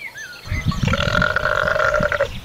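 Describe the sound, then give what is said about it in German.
A sheep, a ruminant, lets out a long, deep burp lasting about two seconds, a rumbling belch with a throaty, vibrating tone, fairly loud, with no talking. “Bei Schafen ist das übrigens so ähnlich. Die sind auch Wiederkäuer. Wie das bei denen wohl klingt.”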